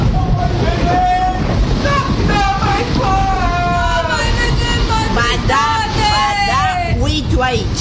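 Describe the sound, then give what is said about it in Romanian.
Loud, continuous roar of a stormy sea as a huge wave crashes over a ship and knocks a man into the water, heavy waves surging and crashing while voices shout and cry out over the churning water. “Un val uriaș l-a lovit pe prințul în cap și l-a aruncat în apă!”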